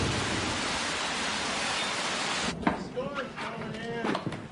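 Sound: rainstorm with thunder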